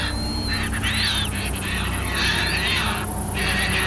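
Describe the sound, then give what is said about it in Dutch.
A dense, continuous din of a flock of birds calling at once over water in the Netherlands, with harsh rasping cries and thin high squeaks overlapping in a shrill chorus that swells and dips without pause. “Terwijl voor ons is het één brei van krassende en piepende vogels.”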